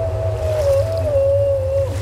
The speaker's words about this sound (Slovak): To je Skylla. V mori sa ako kopká hadov zvíja jej 12 nôh. Krúti 6 krkov. A odporne šteká a kňučí rozďavený hrtan.